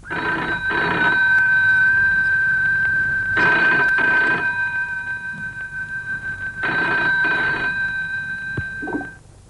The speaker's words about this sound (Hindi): तभी फोन की घंटी से कमरा जैसे थरथरा उठा।